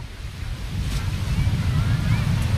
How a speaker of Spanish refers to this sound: Hombre, cerca del mar, bueno, como ya sabéis, podéis escuchar el mar, que ahí está ese mar. Ahí, a ver si escuchas un poquito. ¿Hoy se escucha o no?